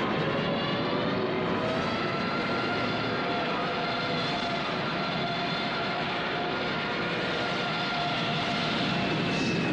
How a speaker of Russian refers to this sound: Щурясь, Лисиченко провожает проходящие над ним самолеты.